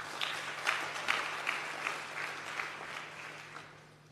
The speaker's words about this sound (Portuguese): Por isso, uma grande salva de palmas para vocês.